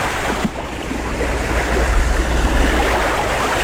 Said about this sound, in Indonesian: Di tengah derunya ombak, angin kencang menerpa tubuh Putri Bu Ine Padanglaya dan jatuh mengepas ke tanah.